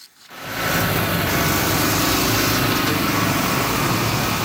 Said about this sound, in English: Bulldozers and dump trucks are busy repairing damaged roadways from this weekend's major storm. Cleanup continues in many parts of Cape Breton that were battered by torrential downpour and strong winds.